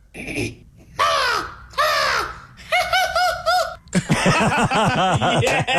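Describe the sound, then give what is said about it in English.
A person imitates American crow caws with their voice: two harsh, drawn-out caws, then a burst of rapid, cracking caw-like calls, loud, followed by laughter-like vocal sounds. “So if you could give us the American crow, that would be great.”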